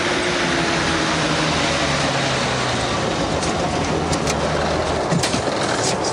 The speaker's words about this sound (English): On a tree-lined street, the bus stops for two passengers.